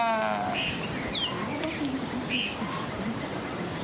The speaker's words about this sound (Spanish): Es el becerro.